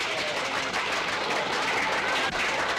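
A crowd applauds steadily, a dense, crackling wash of many hands clapping at an even loudness with no voices standing out.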